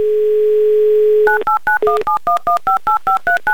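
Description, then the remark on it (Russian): A steady dial tone hums for over a second, then a rapid run of about eleven short two-pitch touch-tone beeps follows in even rhythm as Veronika's phone number in Chapayevsk is keyed in, with no voices. “Набрали номер Вероники, звоним в Чапаевск.”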